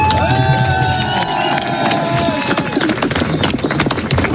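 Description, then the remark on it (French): A dense crowd cheers loudly and continuously, with shrill whistles and horn-like tones rising above the roar early on, then a patter of clapping and shouts. On 31 January, the crowd welcomes home the Vendée Globe winner, who has just broken the round-the-world sailing record, in Concarneau. “Ce 31 janvier, une foule compacte attend le vainqueur qui vient de pulvériser le record du Tour du Monde à la voile.”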